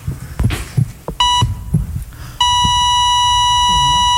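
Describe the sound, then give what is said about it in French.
A teenager's phone shuts off after running out of battery: after a few dull heartbeat-like thumps, a short electronic tone sounds, then a loud, steady beep holds unbroken to the end, like a flatline. “Son téléphone vient de s'éteindre.”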